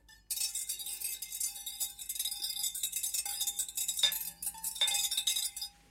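A spoon stirs cocoa in a cup in a kitchen in the morning, giving a steady bright scraping and ringing clink that runs throughout, with a couple of sharper taps against the rim toward the end. No one speaks.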